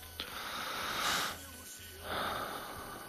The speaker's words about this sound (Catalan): A veure, respira.